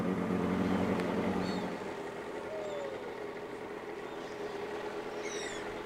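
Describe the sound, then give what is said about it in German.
A motorboat engine on a lake drones steadily, louder for the first couple of seconds before settling into an even hum, with a few faint high chirps above it. “Und jetzt mit dem Boot, das ist total schön.”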